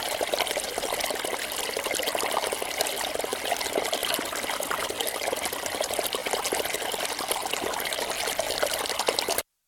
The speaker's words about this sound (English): The sound of the water is very busy. It's rushing. It's fast-flowing water, rushing over stones, gurgling, very. The water was, most of the time, it was beside me, on my left.